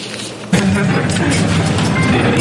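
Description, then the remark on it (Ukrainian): An armored vehicle carrying artillerymen of Ukraine's 100th Brigade on its armor to firing positions at dawn, Kostiantynivka direction, Donetsk region; its heavy engine rumble and rattling jump in loudly after a brief quieter moment, then hold steady and dense to the end. “Разом з ними на світанку на броні ми їдемо на вогневі позиції.”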